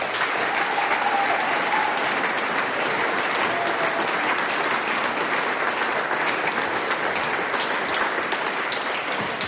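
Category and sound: crowd, audience applause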